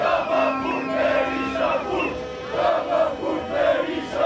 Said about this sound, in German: Und dann gibt es noch immer diesen Sprechchor.